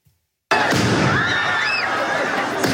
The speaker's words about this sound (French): Des tirs de mortier entraînent un mouvement de foule dans le quartier Saint-Germain.